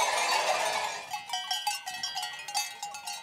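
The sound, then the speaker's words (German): Many livestock bells clank and jingle in an irregular, overlapping jumble as a herd of sheep moves in at night, starting with a dense wash of sound that thins into distinct ringing strikes. No one speaks. “Jetzt kommen sie in der Nacht, die Schafe.”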